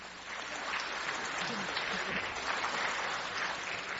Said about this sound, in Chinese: 谢谢大家热情的掌声。 哎，谢谢。